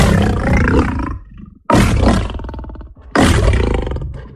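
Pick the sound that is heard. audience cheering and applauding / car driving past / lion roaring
lion roaring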